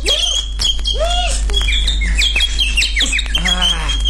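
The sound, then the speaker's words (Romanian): Busy bird calls fill the scene: rapid chirps and whistled tweets overlap with a few harsher squawks, loud, over a steady low hum, with no talking. “ce hoțurmană pasăre. Când se lasă gata să pun mâna pe ea, când zboară ca o săgeat”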